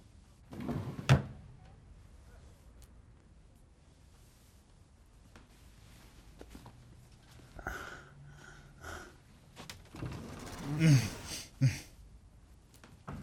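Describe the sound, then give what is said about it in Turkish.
Drawers are slid open and shut in a motel room, a handful of wooden scrapes and clunks spaced unevenly, with a louder cluster near the end and faint breathing between. “Çekmecelerde bir şey yok ama yine de bir bak.”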